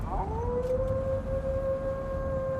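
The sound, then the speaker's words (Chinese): A single long wolf howl rises at the start and then holds a steady, clear pitch for several seconds over a low, rumbling background, with no voices; the wolf is beside a man standing against a desert poplar (huyang) tree in a poplar grove. “身边真有一匹狼啊，呀，在咬他的腿啊！”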